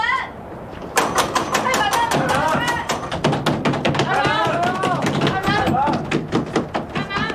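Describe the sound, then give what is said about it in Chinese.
Loud, rapid knocking on the large main gate of the Lü family house, many blows in a fast, irregular barrage as several people pound at once to get it opened, with raised voices shouting over the din. “吕家里边的人听着了，五爷的夫人回府拜祖宗了，请把大门打开。开门啊！开门啊！ 都去帮忙敲。”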